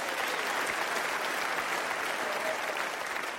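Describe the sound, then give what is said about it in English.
A crowd applauds steadily, a dense wash of many hands clapping at once that holds at an even, fairly loud level for a few seconds without any voices. “So, who else do we have to clap for?”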